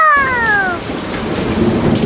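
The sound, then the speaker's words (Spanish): A thunderstorm: steady, dense rain with a deep rumble of thunder, loud, opening with a brief falling whistle-like tone. No one speaks. “Se desató una tormenta fuerte, fuerte como la de ahora, como la que estamos teniendo ahora en este momento.”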